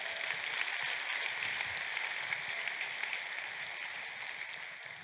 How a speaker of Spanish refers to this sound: Aplausos al Señor.